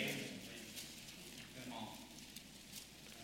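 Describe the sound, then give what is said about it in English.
Soft, papery rustling of many Bible pages being turned at once to 1 Corinthians chapter 12, a steady crackly shuffle with occasional sharper flicks, fairly quiet throughout with a faint murmur underneath. “I love to hear the rustling of the pages.”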